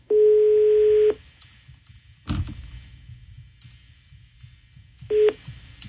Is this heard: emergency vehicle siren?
no